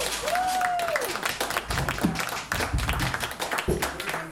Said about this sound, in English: Round of applause, please.